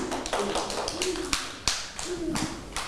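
Scattered, uneven hand claps from several children, with a few sharper, louder claps standing out among softer patters, while young voices chatter faintly underneath.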